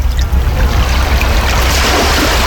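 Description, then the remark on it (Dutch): Steady rushing water fills the whole stretch, a dense, continuous wash with a deep low rumble beneath, loud, with no voices. “Oei, wacht, er is hier nog water aan het spelen.”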